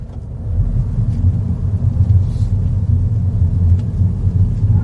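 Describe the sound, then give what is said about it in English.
A Mini car with a little three-cylinder BMW petrol engine and automatic gearbox drones low and steady as it pulls away in drive, a continuous rumble with faint road noise and no voices. “So, this car, as I mentioned, a little three-cylinder BMW engine powers this internal combustion-engined Mini,”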